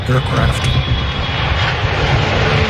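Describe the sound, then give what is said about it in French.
The presidential airplane takes off at an unusually steep angle to reach 10,000 feet as fast as possible: a loud, steady engine roar at full power, continuous for a few seconds, with a broad rushing hiss over a deep rumbling drone. “L'avion a décollé avec un angle clairement inhabituel, très raide.”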